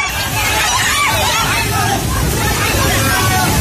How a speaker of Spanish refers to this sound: Este es el sonido del terror de la gente ante el torrente que ha arrasado muy poco tiempo viviendas, coches, árboles y que ha dañado infraestructuras de todo tipo, carreteras, puentes, centrales hidroeléctricas y va arrasando con todo lo que